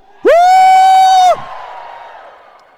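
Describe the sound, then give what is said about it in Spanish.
A loud, sustained joyful shout from an audience rings out for about a second, followed by a wash of crowd cheering that fades away gradually. “Los apasionados de Dios van a dar un grito de júbilo y un salto de júbilo.”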